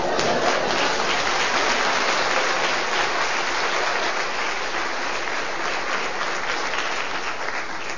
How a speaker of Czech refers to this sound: Děkuji vám, vážení přátelé, že jste mě uvítali potleskem.